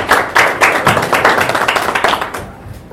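An audience applauds with dense, steady clapping from many hands, sustained for a few seconds at close range before tapering slightly toward the end.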